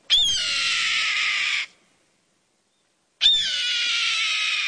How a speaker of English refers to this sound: Yup, that's the cry of a red-tailed hawk soaring overhead.